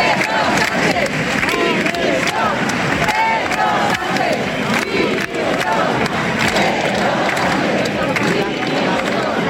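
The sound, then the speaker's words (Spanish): A large crowd chants and shouts together at a political rally, a dense, loud wall of many voices that stays steady for the whole stretch, with rhythmic surges but no single voice standing out. “Estos eran algunos de los cánticos que se escuchaban.”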